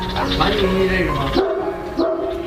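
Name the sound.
small dog barking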